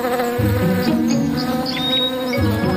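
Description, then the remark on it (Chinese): A bee buzzes steadily and loudly around a bee orchid flower, its drone rising and falling in pitch as it moves about, continuous for the whole moment with no voices. “这只蜜蜂有些迟疑，但蜜蜂兰唇瓣上栗红色的斑点却分明在说，这里充满了花蜜。”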